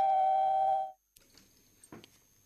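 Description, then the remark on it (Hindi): A steady electronic phone-line tone hums loudly for about a second as another listener who has dialed in joins the call, then cuts off abruptly, leaving faint line noise and a brief muffled click or bump. “ते साडे नाल एक होर स्रोता जुड़ चुके ने, अपना फोन नंबर डायल करके ते हैलो उन्हां नाल गल करदे आ।”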